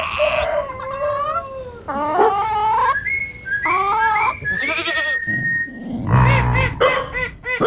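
Several loud, wavering bleats from a pet goat follow one another closely, each call shaky and nasal, with what may be other farm animal cries mixed in and no talking.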